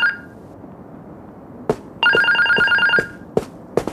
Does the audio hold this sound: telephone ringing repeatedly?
yes